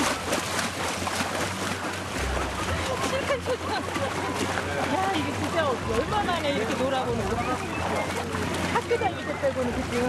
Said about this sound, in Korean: 뗏목의 마지막 코스. 시원한 강물에 직접 발을 담그는 시간.